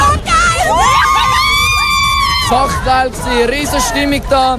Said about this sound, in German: Die Jubelschreien verdanken wir den zwei Goals, geschossen von Johan Manzambi und dem Ruben Vargas.